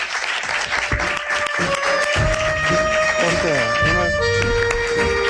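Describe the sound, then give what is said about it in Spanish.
A live audience in Cantabria claps steadily for several seconds at the Ser Aventureros show, a dense, even wash of applause, while a voice and some tonal sounds come through on top. “Podéis aplaudir, que estamos en Cantabria, en Ser Aventureros.”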